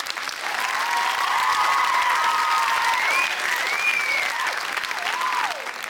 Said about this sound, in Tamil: இந்தாங்க உங்களுக்கு பலத்த கைத்தட்டல், புடிச்சுக்கோங்க.